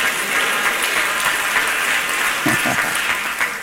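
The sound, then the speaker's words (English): A church audience claps together in a steady, dense wash of applause for several seconds after the preacher calls on them to clap their hands and say "me too", with a brief murmur of voices rising through it near the end. “If you know that's right, clap your hand and say, me too. Come on, clap them, say, me too.”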